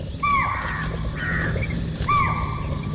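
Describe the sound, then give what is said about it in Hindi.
Three sharp, honking alarm calls from sambar deer in Kuno, seen from a vehicle, ring out about a second apart, each briefly falling in pitch, over a steady low background rumble with no voices. “ये सांभर थे जो अलार्म कॉल दे रहे थे।”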